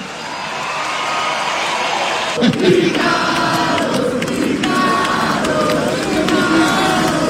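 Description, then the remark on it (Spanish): A concert crowd applauds and cheers steadily for about seven seconds, a dense wash of clapping with loud shouts and whoops rising above it, never dropping away, as a rock guitarist and singer is introduced on stage. “¡Aplausos a granel!”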